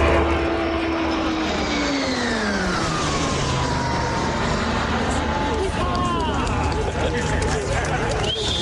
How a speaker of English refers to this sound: And the Royal Canadian Air Force welcomed the first two of its new fleet of training aircraft, the C-2-157 Siskin II, with a ceremonial fly pass today at the airport in Gatineau, Quebec.